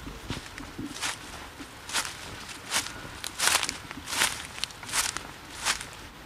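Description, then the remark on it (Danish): Footsteps push into a thicket of dense brush in the renovated garden of a detached house, each step a crisp rustling crunch of twigs and leaves, about eight steps in a steady walking rhythm, with no one speaking. “Prøv jeg lige at gå ind i krattet.”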